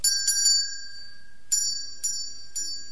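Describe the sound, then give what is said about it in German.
A cord-pulled door bell jingles: three quick bright strikes, a short pause, then three more spaced strikes, each leaving a thin ringing tone that lingers between them. The cord runs through a small hole in the wall, hanging on the bell's clapper inside, with its other end outside for visitors to pull. “Drinnen hing die Schnur am Klöppel der Glocke, draußen war das andere Ende der Schnur. An der konnten Besucher dann ziehen.”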